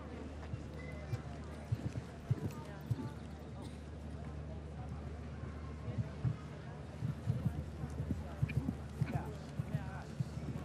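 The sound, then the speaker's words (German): Irregular thudding hooves of a horse ridden by Christian Ahlmann during a show jumping round beat across the ground, with soft clip-clop hits rising and falling over a steady low hum and faint background chatter. “So, Christian Ahlmann, der noch vor kurzem in Shanghai in der Global Champions Tour Etappe 6. war mit diesem Pferd.”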